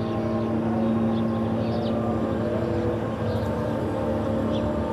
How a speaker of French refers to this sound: Toujours il y a des bombardements, toujours il y a le MK. MK, c'est un petit avion d'espionnage. Avec le son zzz, tout le temps.